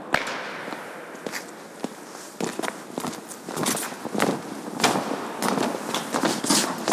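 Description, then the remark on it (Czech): A group of paratroopers marching on command on a hard surface toward a helicopter mock-up, with many sharp, crunching footfalls overlapping in a quick, uneven rhythm. The steps grow louder in bursts, and nobody speaks. “Pozor, vlevo v bok, do makety vrtulníku, pochodem chod.”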